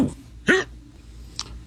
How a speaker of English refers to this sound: Sound like you're celebrating. He starts the message with a clear drunken hiccup.